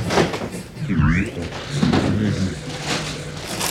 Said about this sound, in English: Please stand clear of the closing doors.